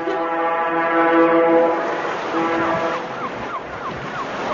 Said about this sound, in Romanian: Sirena șuera de zor.